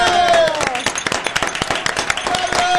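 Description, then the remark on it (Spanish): A burst of lively applause during the Cadena 3 and Familia Parra motorcycle prize draw, many hands clapping in quick, uneven bursts throughout, with a tonal background of cheering voices or music beneath the claps. “¡Un aplauso!”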